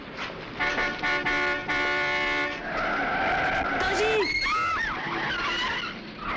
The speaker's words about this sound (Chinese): 一辆汽车把史密斯重重地撞倒在马路上，他昏了过去。